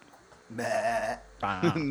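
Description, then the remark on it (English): A person imitates a goat with two wavering, nasal bleats, a longer one followed by a shorter one after a brief pause, loud. “So you can make the best goat sound.”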